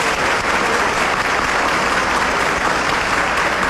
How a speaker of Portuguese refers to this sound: calorosa salva de palmas.